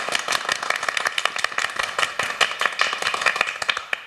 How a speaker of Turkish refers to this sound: Arkadaşlar hoş geldiniz diyeyim ben, şöyle toplu bir alkış alalım. Ne kadar kalabalık olduğumuzu gösterelim.